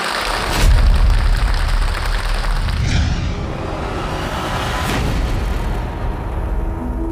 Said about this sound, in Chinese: 掌声有请。